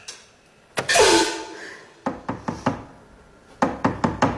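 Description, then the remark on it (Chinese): A heavy thud is followed by two quick bursts of knocking on a door, about four sharp raps each, fairly loud, with no talking. “开门，是我”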